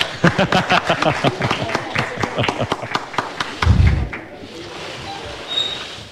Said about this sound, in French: Vous pouvez applaudir.